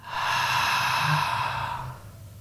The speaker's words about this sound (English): and then just taking one deep belly breath in and breathing out. Feeling that belly expand, just do one more with me, breathing in. And as you breathe out, belly returns to the spine.